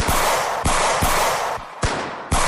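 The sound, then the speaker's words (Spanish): Several loud gunshots from police pistols fired into the air crack out at uneven intervals, four or five sharp bangs, each trailing off in a dense echoing wash that nearly fills the gaps. No one speaks. “Y muchos de ellos echaron mano a sus pistolas para disparar al aire.”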